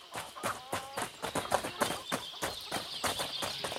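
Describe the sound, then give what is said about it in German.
Horse hooves clip-clop at a steady trot, pulling a coach to a castle, with rapid rhythmic strikes and a faint background hiss. “Ich nehme die Pferde, ist doch klar.”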